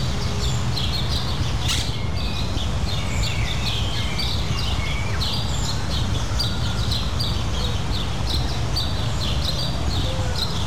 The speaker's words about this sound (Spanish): me sorprende que escucho mucha actividad de aves